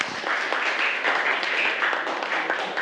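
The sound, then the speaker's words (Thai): A burst of group applause from children in a classroom, clapping for group two, dense overlapping claps at a steady moderate level that carries on through the whole moment, with faint voices mixed underneath. “ปรบมือให้กลุ่มสองค่ะ”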